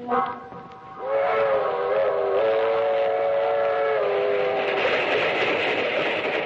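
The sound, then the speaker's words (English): In the radio play Make Ready My Grave, the Southeast Limited passenger train rumbles loudly along the rails as its whistle sounds in a long, steady blast, the heavy rolling noise carrying on after the whistle fades. “That train is the Southeast Limited. See it? Long and sleek and powerful. Clicking off the miles on the humming rails.”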